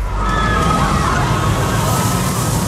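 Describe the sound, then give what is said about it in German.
A roller coaster roars past, a steady loud rush and rumble with a faint high whine of wheels on the track running through the whole moment. “Und zwar, sobald ihr diese Achterbahn zwischen zwei Songs hört.”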